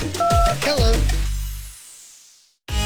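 A few short electronic telephone keypad tones beep in quick succession in a Selangor FM radio promo, over a deep, booming musical swell that fades out, followed by a brief pause before a new sound starts.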